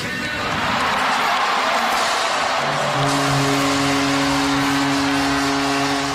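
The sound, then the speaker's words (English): Fans at the Scotiabank Arena in Toronto, watching the draft on the big screen, cheer wildly after the announcement that their team chose Gavin McKenna, in a loud, continuous roar that holds steady throughout, with a sustained low horn-like drone joining partway through. “Although the draft was in Buffalo, fans in Toronto watching on the big screen at the Scotiabank Arena went wild after the announcement that their team was choosing Gavin McKenna, born in Whitehorse.”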